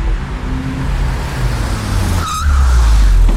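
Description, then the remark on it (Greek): A new, slightly used car from Auto Expert has its engine roar and rev, then tires let out a short high-pitched skid squeal before the engine surges louder. No voices. “Το καινούριο μου αμάξι. Απίστευτο εργαλείο.”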